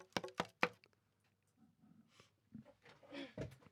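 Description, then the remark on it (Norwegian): Three quick, sharp, loud knocks on a door, followed by a quiet stretch with faint rustling and muffled movement. “Så jeg skal jo bare gå bort, og så skal vi se. Utrolig fin denne døren.”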